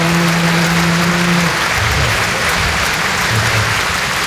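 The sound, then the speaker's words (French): Loud, dense audience applause fills the whole stretch, a steady wash of many hands clapping, with a low sustained tone underneath at the start. “C'est elle qu'il faut applaudir.”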